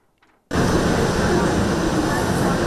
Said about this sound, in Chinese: 火车进站带来些许凉意，但车厢要是没冷气，那可就难熬了。